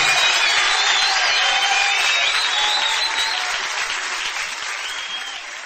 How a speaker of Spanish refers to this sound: Dale un fuerte aplauso en esta hora.